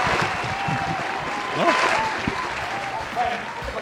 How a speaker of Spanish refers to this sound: Un aplauso